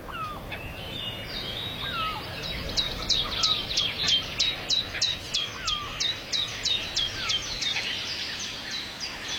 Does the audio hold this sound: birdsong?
yes